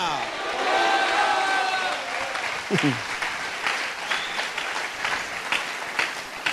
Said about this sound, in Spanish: Dele un aplausotote fuerte al Rey de Reyes.